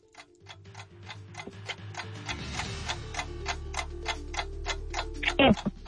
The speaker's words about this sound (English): start the clock.